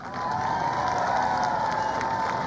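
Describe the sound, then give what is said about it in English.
A crowd claps and cheers in a steady, loud roar that swells quickly and holds for a couple of seconds, with shouts and whoops mixed into the dense applause, voting by clapping for 'no tax on tips' as the best of three proposals. “Just clap if you like it, the best of the three.”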